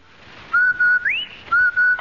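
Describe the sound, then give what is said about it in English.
A clear human whistle: a steady held note that swoops upward into a higher tone, then drops back to the first note, the short two-note Rinso White advertising whistle for Rinso, which gets clothes white, on the Amos and Andy Show radio broadcast. “That's the Rinso White whistle.”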